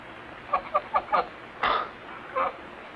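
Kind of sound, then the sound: bird, bird clucking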